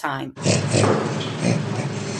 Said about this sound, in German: Beim Orang-Utan funktioniert Lachen noch eher gleichförmig. Das Lachen mancher Menschenaffen, zum Beispiel von Orang-Utans, ist eher fest verdrahtet, wie auf Knopfdruck. Es klingt im Grunde jedes Mal sehr ähnlich.